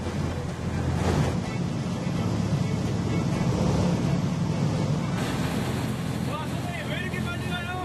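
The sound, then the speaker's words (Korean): A fishing boat heading out to octopus-fishing spots accelerates sharply right after departure, roaring along at speed over rough waves on a stormy-sea day, its engine a steady low rumble under loud splashing spray and gusty wind buffeting the microphone. Faint voices come through briefly near the end. “출발하자마자 급격히 속도를 높이는 배. 파도가 거센 날이었는데도 선장님은 속도를 줄이지 않았습니다.”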